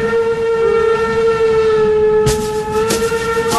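A locomotive's long, steady whistle or horn drones loud throughout, with two sharp hissing, clanking bursts of rolling machinery toward the end. No one speaks.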